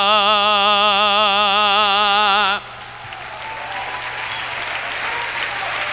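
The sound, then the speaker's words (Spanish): A sustained, wavering musical note cuts off, and an audience breaks into steady applause, a dense wash of clapping that holds at an even, moderate level to the end. “El aplauso que se haga más.”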